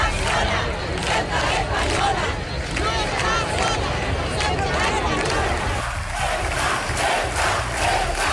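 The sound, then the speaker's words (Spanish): A large crowd at a street protest in Spain in support of Ceuta shouts and chants together in loud, continuous waves, voices overlapping into a dense roar with rhythmic bursts of yelling throughout. “Gritos como estos recorrieron ayer las ciudades y pueblos de España.”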